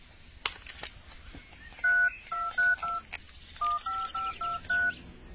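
Keypad tones beep one after another as a phone number is dialed to call someone and arrange a meeting, two quick bursts of short, evenly spaced dual-tone beeps with a few faint clicks before them.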